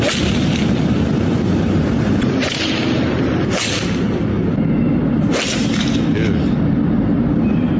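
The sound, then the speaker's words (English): Several sharp, cracking impacts of golf balls hit into traffic and buildings in Los Angeles, smacking into cars and walls, ring out against a steady roar of traffic, spaced irregularly a second or two apart. “They must be getting busted because while the police have not sought them out yet, they posted to YouTube, they thought it would be funny in Los Angeles to hit golf balls into traffic and buildings.”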